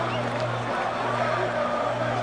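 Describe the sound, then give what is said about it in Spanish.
A stadium crowd of Paraguayan football fans chants in unison during a match, a steady, dense roar of many voices with a low sustained droning pitch running beneath it throughout. “Así cantan los paraguayos.”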